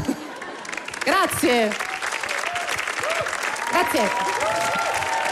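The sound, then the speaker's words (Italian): Steady audience applause for a comedian on a TV comedy programme fills the whole stretch, a dense patter of many hands clapping, with a few voices briefly calling out and cheering over it. “prenditi l'applauso”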